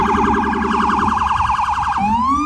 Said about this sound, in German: Die Sirenen der Polizei und Rettungsfahrzeuge erträgt nur, wer sich die Ohren zuhält.